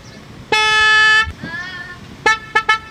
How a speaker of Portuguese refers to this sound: Daniel Gervasoni, rumo ao Lagoão, hein? Tá rumo ao Lagoão, seu Daniel Gervasoni. A buzina falhou, mas Daniel, vamos ajeitar aqui, ó. Daniel, naquela buzininha, buzinadinha pra gurizada aí, hein?